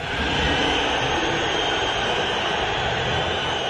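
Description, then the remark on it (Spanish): A dense, steady roar of Atlético de Madrid fans in a stadium whistling in disapproval at Julián Álvarez as he left the pitch at the end of the match. A continuous loud wash of overlapping shrill whistles never lets up across the whole clip, with no voices standing out. “Al final del partido, Julián se fue de la cancha separado de sus compañeros, sin saludar a la hinchada del colchonero, y podemos escuchar los silbidos y lo que dijo al respecto el Cholo Simeone en conferencia de prensa.”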